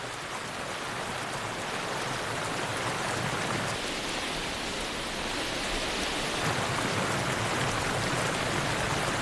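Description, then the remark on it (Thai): Steady, dense rainfall hisses evenly across the whole scene, a broad wash of patter with no pauses or voices, as rain comes down through the Great Forest, a large forest that gets up to 3 meters of rain a year. “พื้นป่าใหญ่เกรทฟอเรสต์มีปริมาณน้ำฝนมากถึงปีละ3เมตรหมีมีขนหนาพวกมันไม่เดือดร้อนกับสายฝน”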